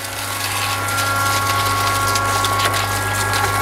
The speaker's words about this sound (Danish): Ja, som man kan høre, så bliver der vandet herude i Liljendal Plantecenter i Rønne. Og jeg skal snakke med en af gartnerne her, men må ikke lige, vi skal slukke for lyden der, så får vi lidt mere ørenlyd.